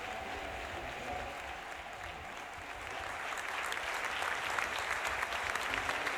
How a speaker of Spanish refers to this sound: Es la imagen y el sonido, esos aplausos que recibe el líder del Partido Popular andaluz tras conseguir, eso sí, hoy esa segunda votación, esa investidura de Juanma Moreno convertido en presidente de Andalucía después de alcanzar un pacto, un acuerdo